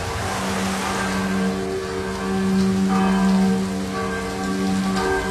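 Church bells ring from the bell tower of Gospa od Luzarija in Preko, on an island, their sustained tones humming steadily beneath the constant hiss of falling autumn rain. No voices are heard.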